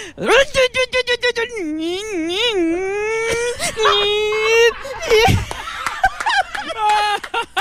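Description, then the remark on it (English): A voice imitates a supercar engine revving: a buzzy hum climbs and wavers in pitch, drops suddenly with a gear change, then climbs again, ending in choppy sputters. “Did you hear the gear change on that guy? I love the detail.”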